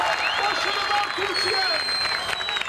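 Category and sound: crowd, football fans cheering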